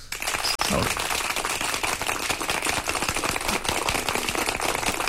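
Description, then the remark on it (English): A steady round of applause, dense overlapping claps sustained at an even level for several seconds, with no break in the sound. “Anyway, get a round of applause, and that was...”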